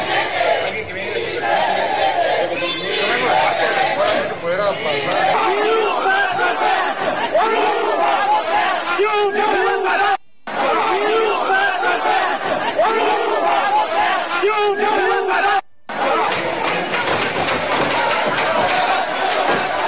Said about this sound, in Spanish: Vamos a escuchar parte de estas manifestaciones en Michoacán.